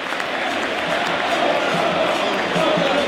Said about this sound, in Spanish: El hincha de Vélez se dio cuenta que tenía que empujar al equipo cuando Tigre, con astucia, escuchen el aplauso porque vale la pena.